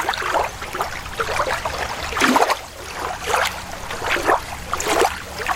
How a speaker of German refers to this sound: wir beamen uns jetzt mal kurz schön an einen Sommertag am See.